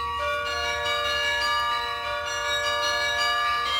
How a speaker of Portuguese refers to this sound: Os espetáculos têm lugar no Palácio Nacional de Mafra, que abriga um dos maiores carrilhões do mundo, mas o som do cimo das torres vai ser audível para todos,